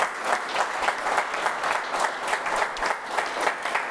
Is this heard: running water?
no